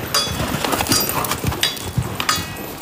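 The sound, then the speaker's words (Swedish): Hooves pound in a steady, uneven rhythm as a horse gallops across firm ground during a hippodrama horse show. The thuds are loud over a noisy outdoor background, with no one speaking. “Och bakom rustningar, lansar och galopperande hästar finns en disciplin som ställer andra krav än traditionell ridning.”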